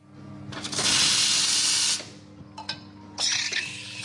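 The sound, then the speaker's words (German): A coffee machine in the Metis bookshop café in Prenzlauer Berg, Berlin, hisses with bursts of steam and spraying water as it is cleaned after a day in the shop, a long loud blast followed by a short puff and another burst, with no talking. “reinigt die Kaffeemaschine.”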